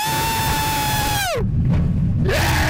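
Riders on a roller coaster train let out a long, high scream that slides downward in pitch as the train goes over the edge of a 97-degree drop, breaks into a loud rushing roar, then rises again into another sustained shriek over steady rumbling.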